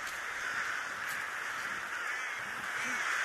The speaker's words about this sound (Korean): 이제 때까마귀가 잠자리인 대숲으로 들어가기 시작하는데요.